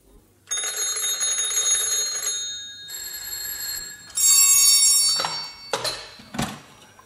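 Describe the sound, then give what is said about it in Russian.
Loud, insistent telephone bells from three telephones ring in several bursts, the metallic jangle stopping and restarting, with overlapping rings from more than one phone near the end. “О трех телефонах и радио.”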